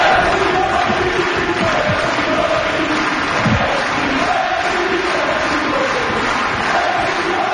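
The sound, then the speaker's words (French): A large tennis crowd at the Suzanne Lenglen court of Roland-Garros chants a player's name in unison at the end of a match, loud and sustained, with rhythmic, repeating swells of voices filling the whole stretch and no single speaker standing out. “Écoutons un extrait de la foule qui scande son nom.”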